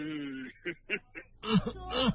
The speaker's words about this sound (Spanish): La carraspera.